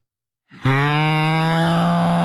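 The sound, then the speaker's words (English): A person's voice imitates a cow's moo: one low, sustained, droning tone with a buzzy, snore-like rasp, starting abruptly and holding steady and loud. “Yeah, that's like human mooing.”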